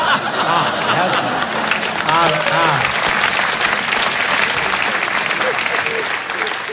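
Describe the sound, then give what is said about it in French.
Steady applause from an audience, a dense, crackling wash of clapping that holds at an even loudness for several seconds, with a few brief voices and chuckles mixed in near the start. “Oui, là, hier, ils n'avaient pas applaudi, hein, on voit la différence.”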